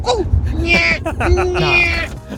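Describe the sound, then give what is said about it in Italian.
A person mimics the call of a generic bird with their voice: two warbling, whistle-like phrases, fairly loud, with sliding pitch and a slightly strained, not-quite-convincing quality. “cercano di mimetizzarsi e fanno il verso di un uccello qualsiasi.”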